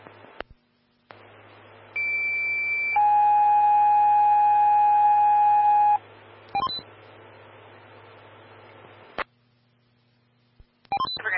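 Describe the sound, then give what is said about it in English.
Over a steady radio hiss, fire dispatch alert tones for a motor vehicle accident call play, dispatching medic 122 and rescue 142 to Pinecrest Drive and Highway 74 eastbound for Evergreen Fire Station 2: a high steady pitch, then a lower sustained tone around three seconds, followed by brief clicks and static bursts. “22 under 132, rescue 142, stand by for tones on MVA.”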